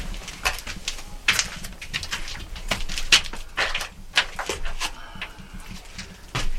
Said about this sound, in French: Là, tout est vieux, usé, et c'est un vieux pigeonnier. On a juste fermé la mini vitre pour pas que les pigeons nous rentrent, parce que ça se gère plus aujourd'hui.